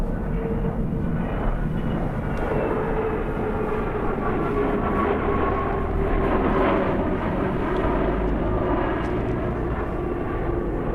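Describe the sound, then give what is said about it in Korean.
A steady, loud engine roar with a low rumble and sustained droning tones of an airplane slowly taking off, seen from a car heading to Incheon Airport, holding constant for the whole stretch with no voices. “인천공항으로 향하는 차창 밖으로 비행기 한 대가 천천히 이륙하는 게 보이고 있다.”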